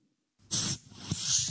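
A bottle pops open with a sudden burst, followed by a sustained fizzing spray that hisses on for about a second, bright and loud, with no voices, spraying over a desk.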